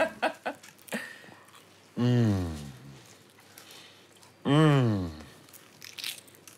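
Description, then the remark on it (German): Crisp crunching and crackling from biting into a flaky croissant, followed by chewing with two drawn-out, hummed murmurs of enjoyment, no clear words. “Mit vollem Mund redet man nicht.”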